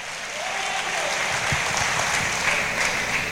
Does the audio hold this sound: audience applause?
yes